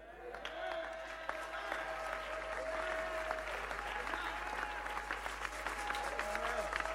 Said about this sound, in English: Those who are clapping, your spirit is coming alive.